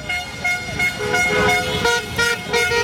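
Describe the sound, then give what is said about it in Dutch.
Several car horns honk over and over in overlapping toots, some long and some short, against a steady rumble of street traffic, with no talking, as people in Amsterdam-West, Netherlands, celebrate Morocco's 3-0 World Cup win over Canada. “De eerste toeters klonken bij het tweede doelpunt van Marokko.”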